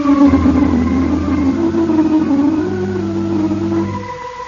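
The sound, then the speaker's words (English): A car engine revs and drives along as a man drives a woman home, her riding in the back seat, its steady low hum shifting pitch as it accelerates, fairly loud, with no voices over it. “And now you were driving Nina home.”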